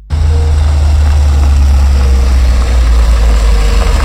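A steady, loud low rumble of many car engines idling in front of a house, a continuous drone with no talking over it.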